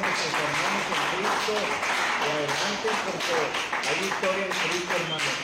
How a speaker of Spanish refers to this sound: Un aplauso, muchachos.